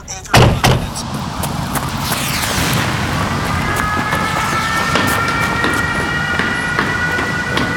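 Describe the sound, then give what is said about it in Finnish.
A sharp clunk like a door, then the steady rumble and rising electric whine of a metro train at Holosiivska metro station, crowded with people, with crowd noise in the background. “Metroasema on täynnä ihmisiä.”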